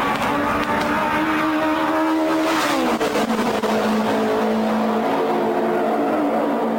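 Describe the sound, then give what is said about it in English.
The loud, sustained engine of the Novi race car, brought to the Brickyard by Andy Granatelli in the 1960s, roars with a steady harmonic whine, dipping in pitch midway as it shifts or passes, then holding a lower drone. No voices. “STP had segued to the sound of silence, going from having the loudest car in Gasoline Alley to the quietest.”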